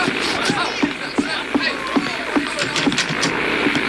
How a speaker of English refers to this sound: A plane. You know, one of them there contraptions that fly in the air.